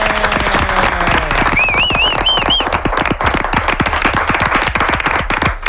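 Sustained applause from a group, dense overlapping claps at steady loudness throughout, with a brief whistle-like warbling tone rising above it early on and a low hum fading at the start.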